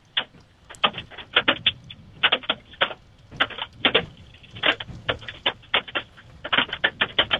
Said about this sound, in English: Just getting a report of a second round of some golf balls falling again now north of in North Scotts Bluff. And it looks like I think I can hear some more here. At the station again, so it looks like another round of hail potentially coming back in.